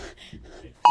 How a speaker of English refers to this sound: This is 1:59 and 50 seconds, just before we all received the notification. Here we go.